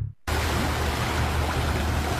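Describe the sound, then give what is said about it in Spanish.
Pacific ocean waves make a steady, loud wash of surf that cuts in abruptly after a moment of silence and rushes on evenly without distinct breaks, with no voices. “¿Escuchas eso? Son las olas del Pacífico llamándote.”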